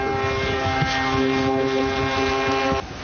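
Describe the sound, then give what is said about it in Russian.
A model airplane's small engine drones steadily overhead, a buzzing, high-pitched whine with strong harmonics that holds nearly level before cutting back sharply near the end. “Первая птица, которую я не уронил на 5-й секунде. Он может еще вот так летать.”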